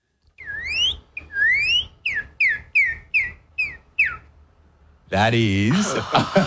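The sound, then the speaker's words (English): A person from Oklahoma whistles an imitation of a Northern Cardinal's song: about eight clear, loud, upward-swooping notes in a steady rhythm, followed by a voice speaking. “And so what's the most common bird you hear around you? The Northern Cardinal.”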